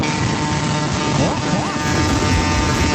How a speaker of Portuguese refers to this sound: Olha as buzinadas de Sorocaba, meu. Pra cima, hein? Eita nós, eita nós. Vai lá, buzina.